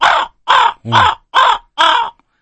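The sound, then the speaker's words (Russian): Five harsh, raspy raven caws in a steady rhythm, each about a third of a second long and evenly spaced. All are loud, with no talking. The middle call is deeper and more croaking. “у меня написано, значит, звуки тайги, хрипы лошадей, крики коровки. А, воронов, господи, я коровы читаю.”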